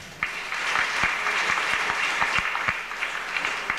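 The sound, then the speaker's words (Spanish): Loud, sustained applause from a crowd for the choirs, including Voces Arcángeles, dense clapping with a few sharper individual claps standing out, continuing steadily for several seconds with no voices. “También brindemos aplausos por los coros que estuvieron ayer por Voces Arcángeles.”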